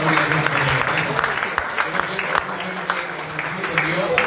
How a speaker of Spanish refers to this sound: Fuertes aplausos al Rey de Reyes, mis hermanos.